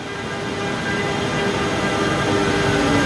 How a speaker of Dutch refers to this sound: Het is iets na vieren op een van de vele treinstations van Milaan. En daar komt de trein aan die ons van Milaan naar Brussel gaat brengen.